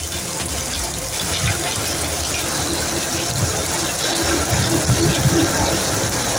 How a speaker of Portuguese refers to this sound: Este vídeo em Massamá mostra a força da água na sequência da chuvada que caiu.